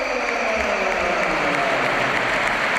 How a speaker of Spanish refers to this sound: Ovación para Güler.